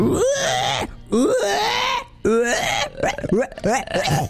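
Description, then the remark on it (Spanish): A person imitates a pig's squeal with a series of loud, strained, nasal vocal bursts, about four or five of them with rising and falling pitch, recorded close up. “Es muy difícil hacer el cerdo, chico.”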